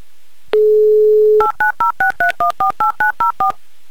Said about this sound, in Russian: Поэтому мы замолкаем и дозваниваемся в Саратов.